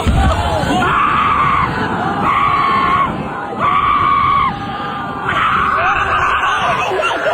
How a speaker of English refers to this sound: Yeah, well, saying 5 seconds doesn't seem like much, but from that first to the third of those 4 shrieks, that dude is airborne.